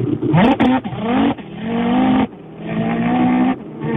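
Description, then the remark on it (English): A person voices a convincing revving car engine, loud, in a string of surging bursts that climb and hold in pitch, with short breaks between them and no talking. “this guy's got a good rev noise. So, without further ado, let it rip.”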